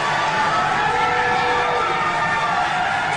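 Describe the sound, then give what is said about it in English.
A crowd of McKinney residents at a city meeting, nearly all against the area being allowed, reacts with a steady, loud roar of many overlapping voices that holds for about three seconds, with no single speaker standing out. “You heard the crowd.”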